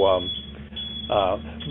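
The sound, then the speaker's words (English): A FedEx delivery truck's reversing alarm beeps twice as it backs up a driveway, the beeps about a second apart, each tone clear and fairly loud over a steady low background hum. “Ignore that beeping noise that you're going to hear. We've got a FedEx truck backing up our driveway.”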